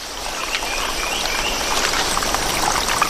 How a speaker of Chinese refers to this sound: 随着雨林各处溪流水位上涨，一种小动物的世界开始焕发活力。